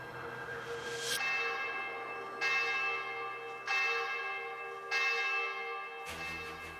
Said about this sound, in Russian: Мая 1591 года. Притихший после обедни городок Углич пронзает колокольный набат.